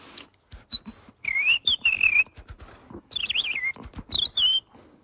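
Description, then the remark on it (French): Someone whistles an imitation of a European robin's song, after the robin section of Messiaen's Catalogue d'oiseaux: a clear run of high, thin phrases, sliding notes and quick warbling trills separated by brief pauses, with no talking. “Il, dans son catalogue d'oiseaux, il a dédié une partie au rouge-gorge. Il fait...”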